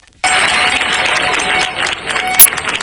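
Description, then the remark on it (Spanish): Residents of Niebla break into loud, sustained applause as they see off troops of the Military Emergencies Unit (UME) leaving after 10 days fighting a wildfire. A dense wash of clapping starts abruptly and keeps going with scattered voices and cheers mixed in, plus a sharp high whistle-like burst near the end. “Así han despedido entre aplausos los vecinos de Niebla los efectivos de la Unidad Militar de Emergencias, que han comenzado su repliegue después de 10 días de lucha contra un incendio que ha recorrido más de 38.000 hectáreas.”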